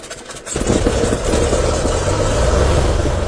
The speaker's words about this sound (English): This morning, we're going to take a little flight in my little Cessna 182, look around Richland Parish, kind of get a bird's eye view, and let you see that from there.